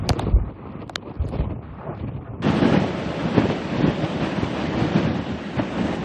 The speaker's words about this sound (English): You know what? These are the worst winds that we've gotten all night. It's like you'll have moments of a punch of wind, and then it'll stop, and then we get another punch of it.